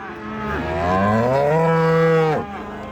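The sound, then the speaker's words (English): A cow lets out one long, loud moo, its pitch rising and then holding steady for about two seconds before breaking off, over a steady outdoor hum with no talking, at an agricultural show where the cattle prizes are being awarded. “Well, that's the cattle prizes handed out here at the East Mainland Show,”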